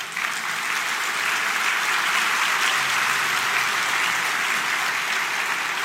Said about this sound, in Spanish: Denle un aplauso al rey.